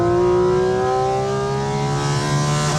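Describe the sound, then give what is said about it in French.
A sports car with a seven-speed PDK gearbox revs loudly, heard from inside the car, with a rich, buzzing tone whose pitch climbs gradually and steadily over a few seconds. No one speaks over it. “Là, tu peux mettre du gaz. Parce que crois-moi, on est dans un animal assez sauvage.”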